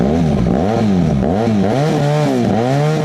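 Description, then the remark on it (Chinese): A large-displacement 1250cc motorcycle engine, one of four motorcycles suspected of illegal modification and seized by police at an auto repair shop, revs up and down several times in quick succession, loud, its pitch rising and falling with each throttle blip, with no one talking. “目前这四辆机动车基本上都属于这种大排量的1250型摩托车。”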